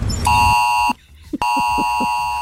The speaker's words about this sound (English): Yeah. I was at a hospital. Yeah. Well, there were so many other beeps in the room, that went off, and all the nurses, all the doctors, all the patients were just going, what?